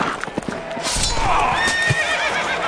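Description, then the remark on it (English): A horse neighs loudly, a long wavering whinny that rises and falls, preceded by a few sharp hoof clops at the start, at a Renaissance festival where a rider has been knocked off his horse. “Sir Galliard hath been knocked off his horse.”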